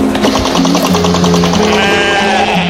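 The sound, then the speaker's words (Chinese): A family's flock of sheep, behind sand dunes, bleats at once in a loud, continuous chorus of overlapping wavering cries, with a steady low mechanical drone underneath and no speech. “我们家的羊群恐在沙包后面了。”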